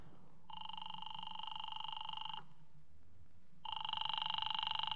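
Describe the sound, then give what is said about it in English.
A telephone rings in two long, buzzing bursts separated by a short pause, fairly clear, with a low background hum and no voices. “do you mind if I use your phone?”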